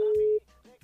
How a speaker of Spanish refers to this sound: Te voy a llamar por teléfono en este momento, así que si vos participaste, por favor agarrá el celu porque hoy te podés llevar entradas para el cine. A ver, llamamos.